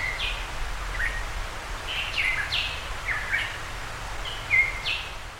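A Tahiti monarch, a very rare, critically endangered small black bird endemic to Tahiti that lives in humid forests, gives a series of short, sharp chirping calls at irregular intervals, clear, over a steady low rumble of background noise.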